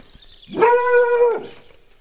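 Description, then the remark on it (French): At a house without a doorbell in Pargny-sur-Bois, Aisne, France, a dog gives a single drawn-out bark, tonal and almost howl-like, ringing out loudly for under a second and announcing a visitor, with quiet surroundings before and after and no one talking. “Bon, le chien fera office de sonnette.”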